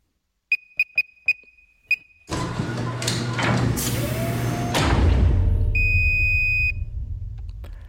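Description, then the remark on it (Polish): Five short, high electronic beeps as a five-digit code is entered on an electronic safe at Radio Łódź, four in quick succession and one after a pause, then a loud mechanical whir and rumble as the safe opens, with a sustained confirmation tone near the end. “Nasz sejf się otworzył, co oznacza, że pana kod jest prawidłowy.”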